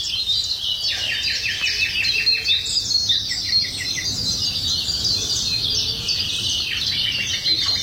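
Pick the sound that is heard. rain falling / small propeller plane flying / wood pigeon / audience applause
wood pigeon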